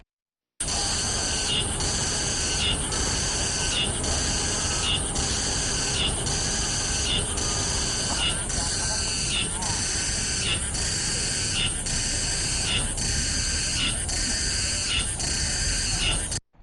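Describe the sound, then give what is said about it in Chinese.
A Mongolian cicada sings steadily, a loud, high buzzing drone pulsing in a regular rhythm of repeated phrases, about a dozen evenly spaced beats, continuous for the whole stretch with no voices. “接下来呢，再给大家听一下蒙古寒蝉的声音。”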